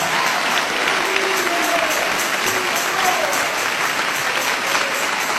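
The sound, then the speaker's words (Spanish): An audience claps in praise and victory to Jesus of Nazareth, steadily and loudly in dense, continuous applause, with faint voices and scattered cheers rising underneath throughout. “Dale ese aplauso de alabanza y de victoria a Jesús de Nazaret.”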